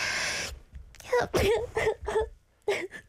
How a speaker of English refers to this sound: And am I gonna sneeze? Yeah.